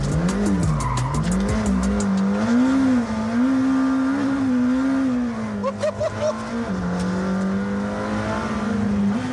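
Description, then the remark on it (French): The engine of a sports car named after Formula 1 driver Ayrton Senna, with carbon-ceramic brakes, roars steadily and loudly, its pitch climbing and sagging as the revs rise and fall, then dipping briefly before surging back up near the end. “Oh, le bruit du moteur.”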